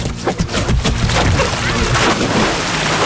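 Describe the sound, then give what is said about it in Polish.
A person takes a running start and jumps into Leśniańskie Lake, with its view of Czocha Castle, on a hot day to cool off, with a loud splash, followed by a few seconds of churning, sloshing water and broad rushing noise. “No to rozpędzaj się, a ja nagrywam twój dawaj wielki wody. Plusk!”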